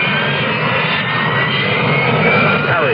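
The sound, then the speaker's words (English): A Marine Corps Harrier jump jet's engine roars loudly and steadily throughout, a dense rumble with a high whine riding on top and no voices. “What is a Harrier? It isn't a helicopter, but it could land in your backyard. Harrier. It isn't a conventional jet, but it can match the speed of sound.”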